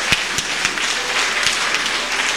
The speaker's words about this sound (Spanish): Y también por las cofradías del Centro de San Miguel, demos un fuerte aplauso.